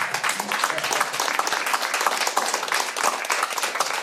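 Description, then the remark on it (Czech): Steady applause from a group of people, many hands clapping densely and continuously at a fairly loud, even level throughout, with no break. “My vám tleskáme, tleskáme, rodinko.”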